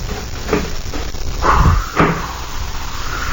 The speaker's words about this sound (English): Just open the door.